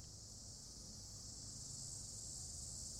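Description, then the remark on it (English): A steady, unbroken drone of cicadas in a pinyon juniper forest near Flagstaff fills the air, a high hiss-like buzz that holds at the same level throughout, with a faint low rumble underneath and no voices. “He's a researcher with the Northern Arizona University Ecological Restoration Institute in a pinyon juniper forest near Flagstaff, accompanied by the drone of cicadas.”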